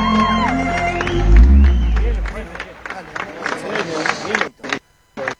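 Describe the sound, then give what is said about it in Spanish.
An audience cheers and applauds for the children in a loud, dense wash of noise that swells early, then thins into scattered claps and whoops while a voice speaks over it. “Se nos vamos los aplausos, por favor, para estos niños hermosos.”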